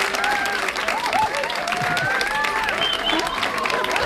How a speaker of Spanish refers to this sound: Pero hombre, que se note que están aquí, que son, yo qué sé, serán 40 y tantos, y que den un aplauso, ¿no?